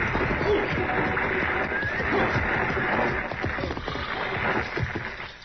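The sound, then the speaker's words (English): Horses of a six-horse stagecoach hitch whinny and neigh over a steady, dense clatter of hooves clopping, loud, as the team pulls at speed for several seconds with no one speaking. “Driving a six-horse hitch ought to keep him awake.”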